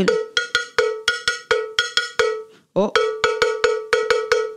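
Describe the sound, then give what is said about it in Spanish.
A cowbell (cencerro) struck over and over in a quick, steady rhythmic pattern, keeping the pulse as in Caribbean and Colombian music, each bright metallic clank ringing briefly. The beat pauses for a moment midway, then resumes. No voices. “la campana, el cencerro, que por supuesto anda por el Caribe en tantas músicas y también se incorpora a las músicas colombianas, haciendo el paliteo, aquel de la tambora, aquel del...”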